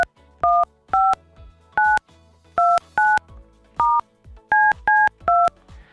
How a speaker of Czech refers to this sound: A nás teď čeká jedna velká improvizace, protože já něco zkusím. Já zkusím někomu zavolat. Jo, tak schválně. Doufám, že mám dobré telefonní číslo teď. Tak, jdeme na to.